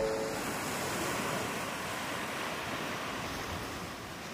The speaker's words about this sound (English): often surf together on this beach, building a bond with nature forged by the waves of the ocean.